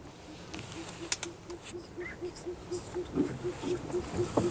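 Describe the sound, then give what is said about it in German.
An owl calls in a steady, rapid series of low, soft hoots, evenly spaced and repeating throughout, set against a quiet nighttime marsh background with faint rustles, heard during a canoe trip on a full-moon night. “Eine Eule ist zu hören.”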